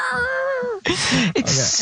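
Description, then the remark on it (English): An extremely loud, piercing bird song: a drawn-out, wavering wail that slides downward, followed by harsh, raspy bursts of noisy calling, with no voices present. “Why becomes the question, the loudness and the real lack of pleasantness to that song.”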